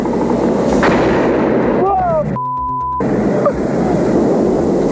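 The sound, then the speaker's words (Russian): Loud, dense gunfire aimed at a drone rattles almost continuously, with brief whistling tones and a short steady electronic tone cutting in midway before the shooting resumes; the drone is hit and goes down. “Подбил, смотри, пошел вниз!”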